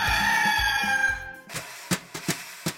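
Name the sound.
rooster crowing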